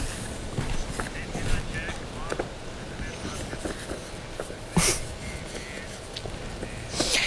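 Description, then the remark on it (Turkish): Strong gusty wind buffets the microphone with a constant low roar, swelling into louder rushing bursts near the end, while muffled voices come through underneath; the wind lifts an umbrella and drags the workers holding it around. “Çalışanlar müdahale ediyorlar, şemsiyeyi tutuyorlar ama onu engellemek isterken o şiddetli rüzgarın etkisiyle şemsiyeyle birlikte tabiri yerindeyse oradan oraya sürükleniyorlar.”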